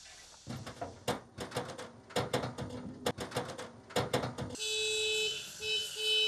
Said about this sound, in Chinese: 工作人员一边卸草料，一边鸣喇叭，这是召唤麋鹿开饭的信号。